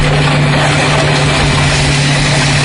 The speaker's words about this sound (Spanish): Así suena el momento en el que la excavadora pasa por encima de estas motos que están apiladas y tumbadas como fichas de dominó.